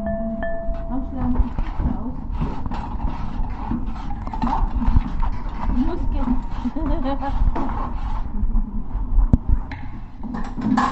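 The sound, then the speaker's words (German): Someone types steadily on a computer keyboard, a rapid, irregular stream of light clicks and taps lasting the whole stretch, with a low murmur running underneath. “Die Tastatur.”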